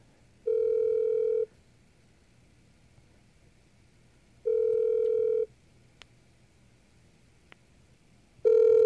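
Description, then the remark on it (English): An outgoing phone call's ringback tone, a call to the speaker's DOT on DOTS, sounds in a steady low buzz about a second long, repeating every few seconds: two full rings and the start of a third over faint background hiss. “And so I'm going to call my DOT right now just so you can get a sense of what that's like. Sometimes it rings for a while.”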